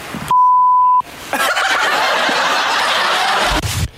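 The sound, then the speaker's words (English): A loud, steady censor bleep tone lasting under a second cuts in sharply, then gives way to people snickering and laughing for the rest of the moment. “June, what is the beeped out word for 100?”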